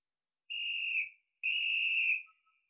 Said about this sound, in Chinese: 又换了个地方吹起了哨子，用这种麻雀战配合地雷战是一种极好的打法，用这种办法对付敌人，把他们弄得晕头转向。